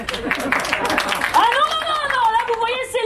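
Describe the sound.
A roomful of people in a courtroom breaks into brisk, dense applause that fades after a second or so, replaced by voices calling out and talking over the tail of the clapping.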